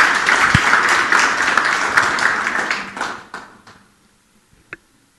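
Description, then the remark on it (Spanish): A crowd at a Chami Radio school correspondents workshop in Otuzco applauds participants from the district of Usquil with dense, steady clapping for about three seconds, then the sound thins out into a few scattered claps and fades, with one last sharp clap near the end. “Fuerte los aplausos.”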